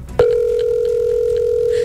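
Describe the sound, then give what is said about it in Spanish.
A phone line tone starts abruptly and holds steady as a single loud electronic beep, the ringing of an outgoing call that goes unanswered, over faint low background noise. “Ah, no, no va a contestar. No quiere contestar.”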